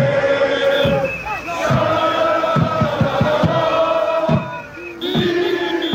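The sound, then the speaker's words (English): A crowd of more than 1,000 Morocco football fans in a downtown park chants "Dima Maghreb" loudly in unison while setting off fireworks, singing and dancing, voices blending into a dense roar, punctuated by rhythmic thumping beats that keep time with the chant. “From a downtown park, more than 1,000 Morocco fans set off fireworks and chanted Dima Maghreb, always Morocco, as they sang and danced.”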